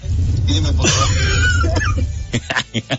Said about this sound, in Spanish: Es que la tos es la tos. Pon la tos, cagazo, pon la tos. Reporte importantísimo. Porque esto, su tos, nos habla acerca de cómo todavía no llueve, pero ya está lloviznando ahí en Tepoztlán.